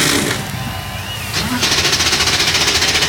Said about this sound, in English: 36 NASCAR Cup Series machines come to life on the pit lane, the Hollywood Casino 400, coming up next.